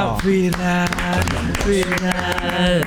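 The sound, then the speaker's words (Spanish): Scattered, loud handclaps in an irregular rhythm, like a short burst of applause, ringing out over a steady tonal, music-like background. “¿y este aplauso?”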